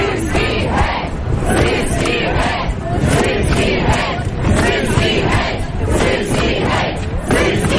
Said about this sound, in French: Oui, et on entend là cet extrait de manifestation à l'été 2025.